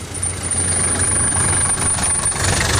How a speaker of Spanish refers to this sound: Mientras el taxi avanzaba entre el tráfico